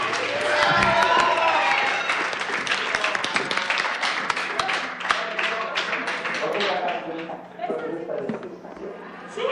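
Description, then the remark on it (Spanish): A crowd applauds steadily for about ten seconds, a dense, loud wash of many overlapping claps with indistinct voices and cheers mixed in. “aplauso de 100.”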